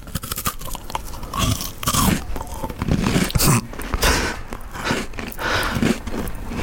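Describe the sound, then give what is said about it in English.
A crunchy biscuit is bitten and chewed right up against the mic, sharp brittle cracks followed by a steady run of loud, wet crunching for several seconds with no talking. “Going for my second bite now,”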